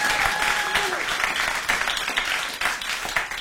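Sustained applause from a crowd, a dense steady patter of many hands clapping at once, fairly loud and even throughout with no voices standing out.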